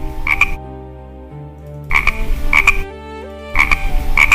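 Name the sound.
frog croaking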